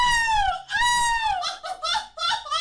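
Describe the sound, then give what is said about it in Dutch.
Human voices mimic seagull cries at the EK Meeuwen Schreeuwen, a European seagull-imitation championship. Two long, high, sliding wails drop in pitch, followed by a run of quick, choppy squawks, loud and with no background sound. “Het gaat erom wie het best het geluid van een meeuw kan nadoen.”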